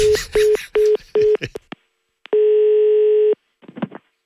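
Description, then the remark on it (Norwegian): A phone dials with four quick beeping tones, then a single long ring tone sounds for about a second before a brief click and rustle as the line connects, a call placed by someone from the firm Skanska. “Det er Pedro fra Skanska som ringer.”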